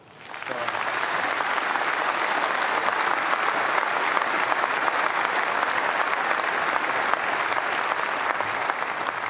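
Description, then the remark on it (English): Sustained audience applause for Neil, a dense steady wash of many hands clapping that swells in within the first half second and holds at an even, loud level throughout, with no talking. “We applaud you.”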